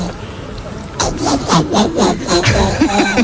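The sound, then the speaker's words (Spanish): A woman on Basque regional television (ETV) imitates a frog, producing a rapid series of about six raspy, rhythmic croaks that start after a second of low background noise and continue steadily to the end. “Una rana.”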